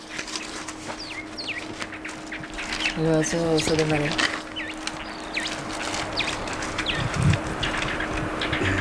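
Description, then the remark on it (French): Quick, high chirps from a small bird repeat on and off throughout, set against a steady outdoor hum in the Elqui Valley, Chile, with a brief lower harmonic call rising midway through. “Petit oiseau.”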